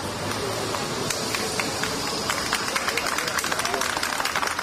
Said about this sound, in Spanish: Sonido de su llegada al hospital, donde eran recibidos entre aplausos por un grupo de personas.